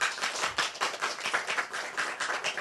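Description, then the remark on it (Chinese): An audience claps together in a dense, steady patter of many overlapping hand claps, fairly loud and sustained throughout, with no voices over it. “我这经历到安尼，这就是感觉咱后生有为往上爬，大家不要不要拍拍手。”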